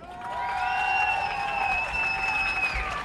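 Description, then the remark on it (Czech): Steady applause from a large outdoor crowd on Jakubák square, welcoming a young fencer onto the stage during a live radio broadcast, clapping blending into a continuous wash, with a long sustained whistle-like tone ringing above it for nearly the whole time. “Doufám, že to bylo pořádně slyšet, ale myslím si, že stejný potlesk dostaneš, až budeš scházet z pódia, takže si to když tak zopakujeme.”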